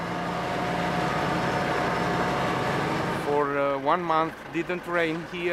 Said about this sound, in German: Die Befürchtungen, dass der LKW dem steilen Gelände nicht richtig gewachsen ist, bewahrheiten sich.